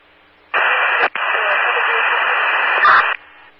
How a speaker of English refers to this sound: Frank K3, heavy static unreadable.